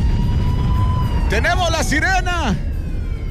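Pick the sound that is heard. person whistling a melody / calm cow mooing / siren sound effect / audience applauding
siren sound effect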